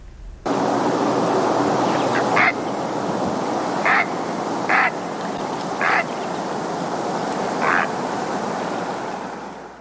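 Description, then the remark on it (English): Five harsh, croaking calls of a great blue heron ring out at irregular intervals over a steady wash of surf or wind, the bird sounding clear above the background. “We're going to end today with the great blue heron. Just a little reminder of what that dinosaur bird sounds like.”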